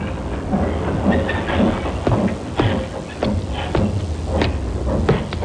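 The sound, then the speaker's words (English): Train cars clatter and clank through a railroad yard at Almouth in the coal district around Newcastle, with sharp metallic knocks every second or so over a steady low rumble, moderately loud, with no one talking. “A puzzle which began in the railroad yard at Almouth in the coal district around Newcastle.”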